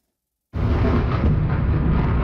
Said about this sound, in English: Waves of missiles hitting Ukraine's capital, Kyiv. More than a dozen explosions were heard in the city overnight. Many residents say they weren't given much notice, with air raid sirens immediately followed by impact.